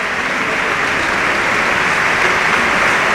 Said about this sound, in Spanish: Cuando alcanzamos también el minuto 21, como siempre aplaudiendo la grada del RCD Stadium en memoria del eterno capitán Dani Jarque.